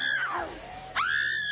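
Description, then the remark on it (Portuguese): A woman's high, piercing scream that dips downward, breaks off briefly, then surges back and holds loud, shrill and intense with no other sounds around it. “Grita queima ele, já gritou outra aqui, grita queima ele.”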